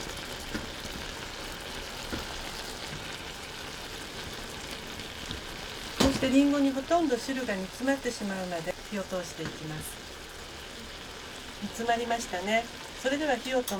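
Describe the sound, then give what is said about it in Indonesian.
A steady, soft bubbling hiss of apple slices, about 1 cm thick, simmering with a quarter of water and a tablespoon of sugar in a covered pot over low heat runs throughout, with a voice talking over it in the second half. “Tutup panci dan biarkan di atas api kecil selama sekitar 3 atau 4 menit.”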